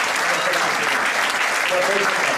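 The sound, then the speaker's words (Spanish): Sustained applause from an audience for six children at the presentation of the Pepinito Leganés 2026 jerseys, a dense, steady wash of clapping at even loudness throughout, with faint voices mixed in beneath it. “Bueno, pues un aplauso para los seis.”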